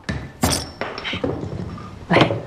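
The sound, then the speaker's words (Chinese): A glass soda bottle, a new bottle of peach-flavored soda, being opened: dull thunks and glassy clinks, with two sharp, bright bursts like a cap popping off with a quick hiss. “这个是开时间长了，气儿跑没了。你降水正常，我给你开瓶新的啊。”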